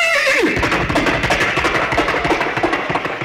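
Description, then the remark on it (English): An entertainer's vocal imitation of a horse, broadcast over a microphone from the front of a car on an expressway: a loud whinny with a falling pitch opens, quickly giving way to rapid, rhythmic galloping hoofbeats that continue steadily to the end. No one speaks. “So I picked up the mic and gave them the sound of a horse braying and galloping out of the front end of the car.”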